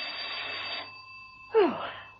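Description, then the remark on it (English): A doorbell rings in two bursts, a bright, steady buzzing ring followed after a short pause by a louder second ring that fades out, with a faint hum underneath and no talking. “Peel was taking a quiet rest, her feet up and a harmless novel on her lap, when the doorbell rang.”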